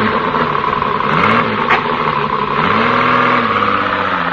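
A car engine idles loudly, then revs up twice with rising pitch as if pulling away, a steady mechanical rumble throughout with no voices.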